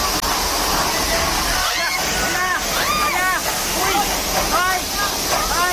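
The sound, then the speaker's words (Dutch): A loud, steady roar of rushing floodwater from a swollen river during a severe flood in Nepal and Tibet, Asia, filling the whole stretch, with voices faintly talking beneath the churning torrent. “In Nepal en Tibet in Azië zijn meerdere mensen omgekomen bij een heftige overstroming van een rivier.”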